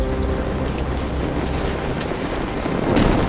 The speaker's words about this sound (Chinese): 一声巨响，炼铁炉发生了剧烈爆炸，火舌从炉口处喷出，带着铁水、炉渣和炉料和上千摄氏度的高温，一股脑地直冲向几丈远的砖墙，冲倒了一大片。